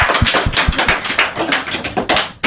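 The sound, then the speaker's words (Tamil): A group of people applauds after a speech about Dr. Radhakrishnan, with many overlapping hand claps forming a dense, crackling patter that stays fairly loud and steady for a couple of seconds, with no voices. “ரொம்ப அழகா சொன்னீங்க, கை தட்டுங்க எல்லாரும்.”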